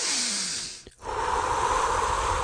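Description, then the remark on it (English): An airy breath: a brief release of air, a short pause, then a long, deep inhalation drawn in steadily and loudly, with no talking. “like a deep breath, I can actually calm myself down?”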